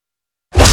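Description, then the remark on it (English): After a moment of silence, a single loud cannon blast bursts in with a deep booming rumble and a hissing rush, still roaring when it cuts off. “Fire the cannons!”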